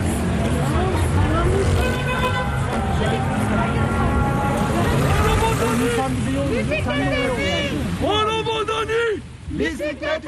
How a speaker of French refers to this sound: Alors là, on arrive dans la circulation.